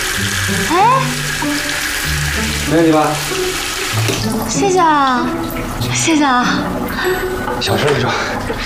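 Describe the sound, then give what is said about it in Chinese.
A faucet, turned on as a test, runs in a steady rush of water for the whole stretch, while voices talk over the continuous hiss. “好了，来，你试一下，开下水龙头。”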